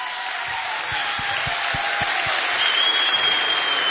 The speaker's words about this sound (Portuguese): Tens aqui um público fabuloso. Muito obrigado. É um público que gosta de mim, mas também gosta muito de ti. É ou não é? Mais um forte aplauso.